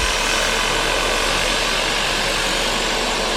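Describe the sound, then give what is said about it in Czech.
A heavy tunnel drilling rig drills holes for blasting during construction of Prague metro line D between Olbrachtova and Pankrác. It runs steadily and loudly, a dense continuous mechanical roar with engine rumble and grinding noise, no voices. “Teďka tady vidíte vrtací stroj, který tady dělá vývrty pro trhací práce.”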